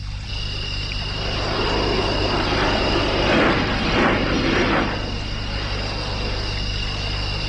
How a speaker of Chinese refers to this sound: 飞机。现在的人真能，还跟半夜了还在云彩眼里飞嘞。